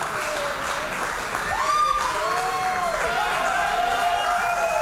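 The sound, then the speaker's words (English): A football team, the Ds, cheers and claps loudly and continuously as they come into the rooms after winning by 76 points, with shouts and whoops rising over a steady wash of applause and overlapping voices. “Of cheers as they come into the rooms.”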